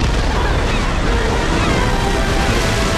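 Loud, steady sloshing and churning water fills the whole moment, continuous, as Gru and Lucy surface in the water after reaching a freighter, like bodies breaking through the surface amid restless waves.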